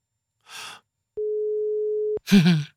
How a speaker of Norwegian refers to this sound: det går unna, du må ta den i løpet av tre ring her.